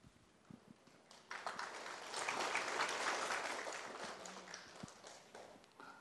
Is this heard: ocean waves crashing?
no